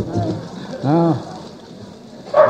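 A dog barks once clearly, a short tonal yelp, then starts another bark at the very end, heard against a steady background hiss.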